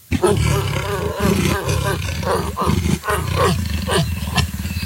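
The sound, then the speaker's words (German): A leopard growls loudly and almost continuously, a deep, rasping rumble broken by a few brief pauses as it draws breath, with no other sounds alongside. “Leopard.”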